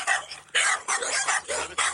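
several dogs barking

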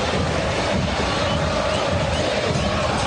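stadium crowd applauding

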